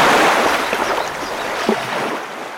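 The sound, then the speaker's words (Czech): After a small dam gives way, a big wave of water rushes down a stream in a loud, continuous, dense roar and wash, easing slightly toward the end, with no voices. “Hrázka se převalila celá a všechna ta vodní síla letí dolů potokem jako jedna jediná velikánská vlna plná vody.”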